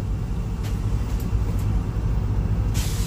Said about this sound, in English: There's another train passing.